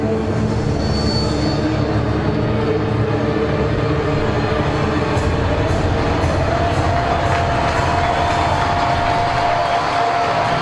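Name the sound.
stadium crowd making noise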